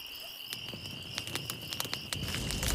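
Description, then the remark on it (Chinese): A bonfire lit for a volunteers' bonfire party in Haozi Village crackles with irregular sharp pops and snaps over a low, steady roar that swells toward the end, while crickets chirp continuously in the background. No one speaks. “来来，把篝火燃起来！”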